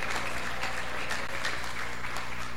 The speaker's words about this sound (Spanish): Aplausos para Jesucristo de Nazaret.